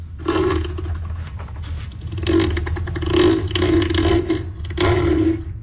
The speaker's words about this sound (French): Voilà, c'est pas une tondeuse à gazon, c'est pas une voiture qui démarre, c'est pas une moto, c'est la voix, plutôt le cri de Neil, un éléphant de mer de 1000 kilos.